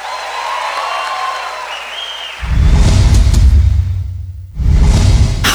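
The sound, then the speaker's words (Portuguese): Loud audience applause swells in after a quieter opening with faint whistling tones, dips briefly, then surges back up with dense, steady clapping from a large crowd. “Obrigada, muito obrigada. Mais aplausos.”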